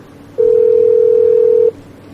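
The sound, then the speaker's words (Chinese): A single steady beep of a phone ringing tone, about a second long, plays loud and clear over a faint hiss, with no voices before or after it; a call to a manufacturer's manager goes unanswered. “嘿，不接电话啊？怎么不接电话？”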